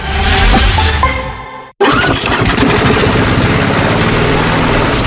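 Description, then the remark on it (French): A lawn mower engine runs loud with a steady, rough drone, cutting out for a split second early on before roaring straight back at full power. No one speaks. “Marre de tondre? Tondeuse des 299 €.”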